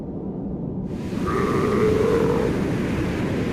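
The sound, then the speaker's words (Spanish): A single drawn-out, bleating call from an Antarctic seal, between the ice and the Southern Ocean, rises out of a steady rushing wash of wind and water, lasting about a second before fading back into the background noise. “Entre el hielo y el océano, las focas esperan.”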